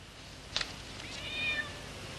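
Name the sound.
cat meowing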